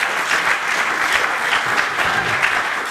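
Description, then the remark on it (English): A crowd applauds steadily, a dense wash of clapping hands that holds at an even, fairly loud level throughout with no voices on top. “First, you got to get the big crowd going before you parse it out.”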